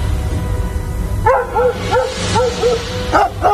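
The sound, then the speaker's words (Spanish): Dogs barking at a distance, a run of quick yelping barks starting after a moment of low rumbling background noise and continuing in an uneven, overlapping rhythm. “Si escuchas a los perros a lo lejos, sigue adelante.”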